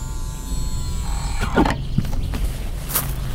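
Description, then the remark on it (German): The cast-iron gate of Lorenzo di Rossi's villa opens with a steady mechanical whir, a burst of metallic clattering partway through, and a brief thin squeal near the end, all at a moderate level with no voices. “Ah, das Tor geht auf.”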